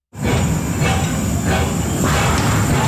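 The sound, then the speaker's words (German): A steam tram, Switzerland's first heritage-listed steam tram, rumbles steadily through the old town of Bern, Switzerland, its heavy low mechanical clatter broken by a few soft rhythmic chuffs and a faint high whine above, with no voices. “Das Dampftram der kann durch die Altstadt schnaufen.”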